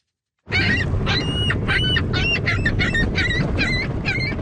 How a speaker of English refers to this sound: a new club on Toronto's waterfront has been busy counting a different kind of animal, seagulls. They call themselves the Seagull Counting Club, or CSCC for short.